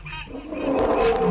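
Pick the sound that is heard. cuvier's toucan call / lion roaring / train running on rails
lion roaring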